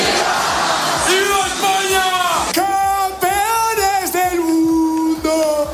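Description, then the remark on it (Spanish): A large crowd of fans celebrating their team's championship for many hours in the streets of Madrid on a hot day chants and shouts loudly, voices rising in sustained, drawn-out yells with a dense, echoing roar underneath, continuous throughout. “es normal darlo todo, pero claro, de tanto cantar y gritar, uno de los más perjudicados ha sido la voz.”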